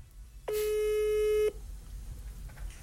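A single steady telephone call tone sounds for about one second as a call is placed from a school in Dedemsvaart to a student, clear and fairly loud against a quiet, faintly hissing background, then cuts off abruptly with no voices.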